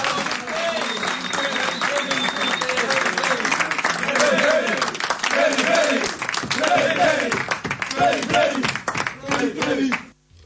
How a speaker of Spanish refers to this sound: Entonces, bueno, les voy a dar un aplauso porque se lo merecen. ¡Bravo!